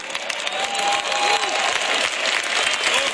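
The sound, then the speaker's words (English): A church audience clapping steadily, a dense, sustained wash of applause that holds fairly loud throughout, with a faint murmur of voices mixed in. “Y'all clapping, but go ahead, look at your neighbor.”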